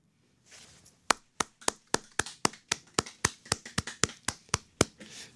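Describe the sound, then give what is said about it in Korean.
Three people in a radio studio clap together in unison in a brisk, steady rhythm, about fifteen sharp, crisp claps in a row with no talking, after a brief soft rustle. “지금 약간 저희 스튜디오 안에 있는 저희 세 명이 한마음이 되어 박수를 드렸습니다.”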